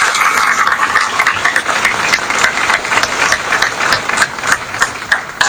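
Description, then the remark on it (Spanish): Sustained applause from an audience at a Universidad Indoamérica award ceremony, a dense wash of many hands clapping at a steady loudness, with a few sharper individual claps standing out. No one speaks over it. “Un aplauso, por favor.”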